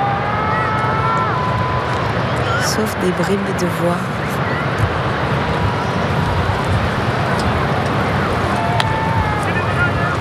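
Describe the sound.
Steady, loud sea wind and rolling waves roar across a beach without pause, with brief snatches of voices surfacing through the wash and one person speaking.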